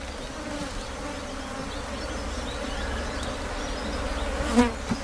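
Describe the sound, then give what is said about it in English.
A dense, steady drone of many honeybees buzzing around an open hive, continuous throughout with no voices, and one bee passing louder near the end. “Without bees, we won't have food to eat.”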